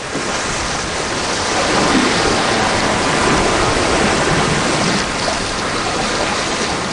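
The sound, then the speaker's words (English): A sailboat surges through huge blue rollers with white caps at about 7 knots, pushed by a southwest wind. A loud, continuous rush of churning water and spray with wind noise, swelling slightly midway, with no voices. “A calm, ruffled sea that we had for the first 2 days turns into huge, beautiful blue rollers with white caps, and a southwest wind that pushes us exactly where we want to go.”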